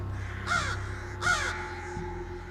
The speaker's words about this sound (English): Initially, about 30% of the birds we encountered would scold us. As we've done this through time, now virtually every bird you see on campus will swoop down when you're wearing the caveman mask and give an alarm call.